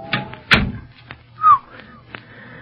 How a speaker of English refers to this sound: Say, that door's been oiled. Squeaked like the dickens the last time we used it.